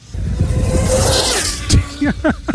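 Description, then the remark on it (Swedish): A specially built high-speed radio-controlled car, being tested for a speed record, rushes past in a sudden loud whoosh over steady outdoor noise, followed by excited voices reacting. “Men jag vet inte hur cool man har alltså med en radiostyrd bil som går 500 km i timmen.”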